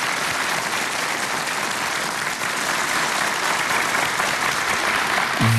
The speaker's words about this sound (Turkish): Ve bu muhteşem geceye sesleriyle anlam katacak Türk Halk Müziği ve Türk Sanat Müziği sanatçılarımız ve TRT Ankara Radyosu çok sesli koromuz için hepinizden güçlü bir alkış istiyoruz.